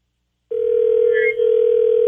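After a brief silence, a telephone line tone comes on as a call is placed during a 102.5 KDON radio show: a steady, continuous hum that holds loud and unbroken to the end, with faint line noise beneath and no voices.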